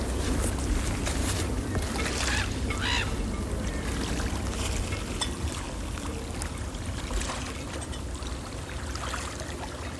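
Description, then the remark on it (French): Calm waterside ambience of moored boats on the calm Gulf of Morbihan, with soft intermittent knocks and creaks from masts and rigging over a low steady rumble, and occasional bird honks. “Ambiance mat bateau sur golfe du Morbihan calme.”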